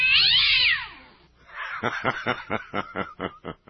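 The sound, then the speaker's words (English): A cat in great distress lets out a shrill, piercing yowl, then breaks into a quick run of about eight pulsing, stuttering cries. It's loud, with no talking. “I really suspect a tail being crunched or something.”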